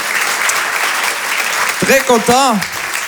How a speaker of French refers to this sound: Applaudissez-vous. Vous êtes magnifique. Vraiment, applaudissez-vous.